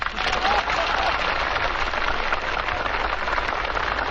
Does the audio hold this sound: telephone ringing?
no